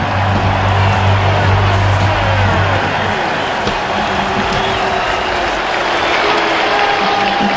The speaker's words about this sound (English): And with that, the gates swing open to hear the roar of this crowd led by Anthony Calandria. Here come the Huskers!